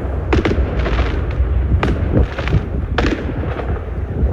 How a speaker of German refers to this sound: Das war ein Riesenfeuerwerk tatsächlich, direkt vor dem Hotel der Bayern-Spieler, die ja heute in der Champions League in Stavanger spielen.